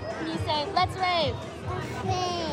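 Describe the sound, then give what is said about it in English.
Lively indoor crowd of young children playing and chattering at a toddler rave party in Baltimore at 5 p.m., high excited voices overlapping in a continuous busy hubbub with bursts of shrieks, loud throughout. “It's 5 p.m. in Baltimore, and the party's just getting started.”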